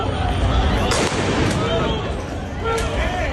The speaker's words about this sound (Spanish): Estos son los disparos disuasorios con pelotas de goma que la policía ha tenido que realizar esta noche para dispersar a algunas personas que han acudido a la playa del Trampolín, donde todavía pernoctan algunos migrantes